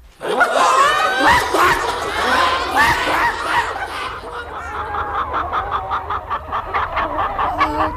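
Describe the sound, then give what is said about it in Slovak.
A flock of hens clucks and squawks in agitation, a loud overlapping clamor at first that settles into quicker, rhythmic clucking toward the end, with no talking. “Sliepky by mali túto obetu uvítať ako ich vlastný príspevok na výstavbu veterného mlyna.”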